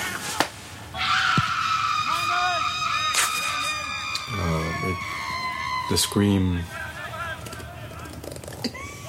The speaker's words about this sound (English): The scream. And I just like to scream because I like it.